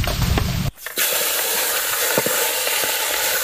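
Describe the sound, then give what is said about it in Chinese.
Wangpo-style prawns (王婆大虾) are passed through hot oil over a low flame and slowly fried through. They give off a loud, steady sizzling hiss dotted with small crackles and pops, briefly dipping once near the start before the bubbling resumes. No one speaks. “这个过油火力虽然不大，但慢慢炸透还是没问题的。”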